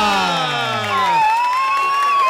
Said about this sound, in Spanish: Señoras y señores, con un aplauso reciban a...